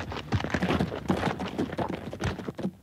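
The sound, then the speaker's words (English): Horses' hooves clip-clop in a quick, uneven patter as two riders ride in, the clopping steady at moderate loudness with no talking. “I was about to mount up when Edwina and Meredith rode in.”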